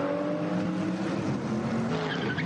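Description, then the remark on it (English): A race car engine drones steadily while its tyres give a brief high-pitched chirp as it leaves the pits after a pit stop during a morning race in the Eifel, loud, with no voices over it. “Oh, the little squeal as they're not spinning chirp.”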